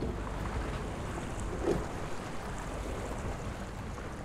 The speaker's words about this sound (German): Wir sind auf ein Schiff, was noch nie verkauft worden ist. Was schon fast 100 Jahre alt ist, aber es wurde nur vererbt. Es ist immer noch in der Familie, die es bauen lassen hat.